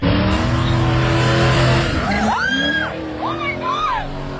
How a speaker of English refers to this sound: That is stunt driving. Kenmount Road taken to a whole new level.